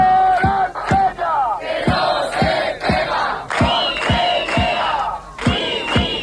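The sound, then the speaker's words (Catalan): Dozens of people gathered at the doors of the Conselleria chant loudly in unison to condemn an assault, many voices rising and falling together over steady, sharp percussive beats that land roughly twice a second. “Desenes de persones s'han concentrat a les portes de la Conselleria per condemnar aquesta agressió.”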